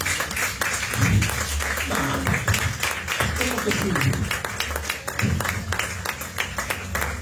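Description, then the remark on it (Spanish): A crowd claps hands continuously for several seconds as an offering of loud claps to God, a dense steady patter of many overlapping claps with voices murmuring and calling out underneath. “Denle una ofrenda de palmas fuertes a nuestro Dios.”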